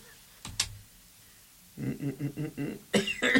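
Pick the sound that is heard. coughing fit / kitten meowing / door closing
coughing fit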